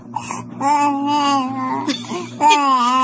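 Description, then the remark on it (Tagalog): A baby lying in a cradle babbles in long, sing-song vocal stretches, fairly loud and wavering in pitch, with a couple of short breaks between phrases. “Kay imong istoryahan ba? Mutubag sa cute.”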